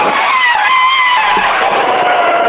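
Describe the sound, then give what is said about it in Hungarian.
A person's voice imitates an elephant trumpeting on Rádió 1 radio: one loud, brassy, sustained blare lasting a couple of seconds, harsh and high with a slight downward waver in pitch. “Na, nincs rosszabb most egy közhelyes elefánt ormányos üvöltést.”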